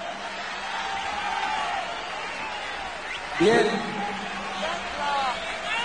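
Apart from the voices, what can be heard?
crowd shouting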